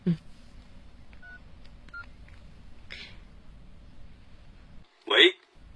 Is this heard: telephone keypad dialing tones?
yes